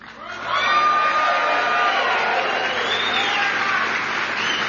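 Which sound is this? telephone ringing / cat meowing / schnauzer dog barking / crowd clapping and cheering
crowd clapping and cheering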